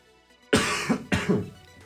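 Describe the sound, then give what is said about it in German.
Two harsh coughs in quick succession from a person with a slight cold, loud, with a brief raspy tail after each and no talking around them. “Kurzer Huster am Rande, bin ein bisschen erkältet, vielleicht hört man es auch.”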